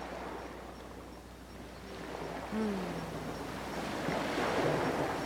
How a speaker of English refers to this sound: And there's the ocean. The do you miss the ocean? Yes, I do. And the lagoons.